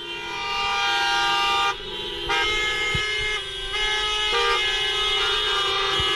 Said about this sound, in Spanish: Algunos lo hacen a pie, pancarta en mano, con el lema que se cumpla la ley. Otros montados en sus taxis, más de 50, que hacen sonar sus bocinas.